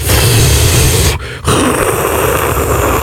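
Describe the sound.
A voice imitates snoring airflow obstructed by the tongue blocking the throat: two loud, rough, rattling bursts of breath separated by a brief pause, harsh and raspy with a low throaty rumble underneath.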